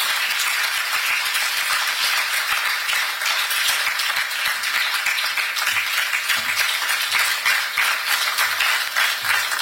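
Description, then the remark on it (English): A crowd in Ghana applauds keynote speaker Lawyer Sammy Jemfi, CEO of the Ghana Gold Board, steadily throughout, dense overlapping hand claps forming a loud, continuous, crackling wash with no pauses and no one talking. “A round of applause for Lawyer Sammy Jemfi.”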